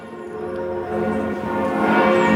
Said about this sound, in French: C'était peu avant 10h et dans la foulée, partout en France, les cloches des églises et ici de la cathédrale Notre-Dame se sont mises à sonner avec déjà beaucoup de monde autour.